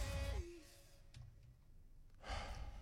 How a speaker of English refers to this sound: Oh, you had to do the heavy breathing as well.